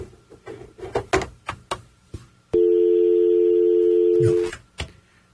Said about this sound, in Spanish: Espérenme un segundito, que alguien está llamando por teléfono, no sé si es... déjenme ver.